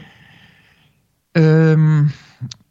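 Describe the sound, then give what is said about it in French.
A faint, breathy inhale is followed by a loud, steady voiced exhale lasting under a second, like a sustained hum or tone, as part of a Ramsa breathing exercise. It ends with a brief, softer breath. “Donc, la respiration Ramsa.”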